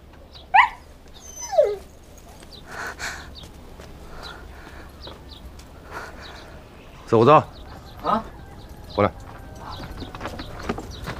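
A dog called Biscuit Tin whimpers as it is taken away, in short, high, plaintive whines, about five of them spread unevenly, with a brief cluster near the end. Faint background noise and muffled activity continue between the cries.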